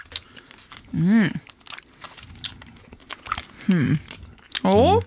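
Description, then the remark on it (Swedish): Crinkling wrapper and crunchy chewing of a red Kungen av Danmark hard candy marked with a king's crown, during a radio broadcast, broken up by short bursts of voiced sound, with busy mouth noises throughout. “Man ska inte smaska i radio, vi vet, men det här är en del av innehållet just nu.”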